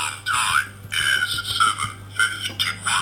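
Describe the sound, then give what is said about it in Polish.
A digital watch's daily alarm beeps in quick repeated bursts, about five or six chirping pulses in three seconds, moderately loud over a faint steady hum. “teraz ja wyłączę ten alarm”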